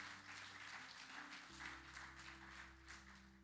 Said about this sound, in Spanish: Aplauda el nombre del Señor si lo va a aplaudir, por favor.